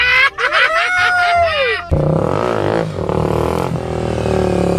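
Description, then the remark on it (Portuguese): A motorcycle engine revs hard with a rising and falling whine for about two seconds as the rider does a wheelie, lifting the front wheel off the ground and balancing on one wheel, then gives way to a loud, steady roar of engine and road noise. “É, eu chamo a moto no grau.”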